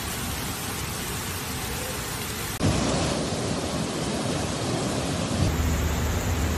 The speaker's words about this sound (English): Torrential rain hits the Spanish cities of Barcelona, Valencia, and Spain's eastern Mediterranean coast after the country's hottest summer on record, submerging streets.